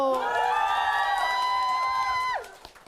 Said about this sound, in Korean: 그럼 우리 생생한 현장의 분위기 잘 전달될 수 있도록 여러분의 환호 소리 한번 들어볼까요? 여러분 소리 질러!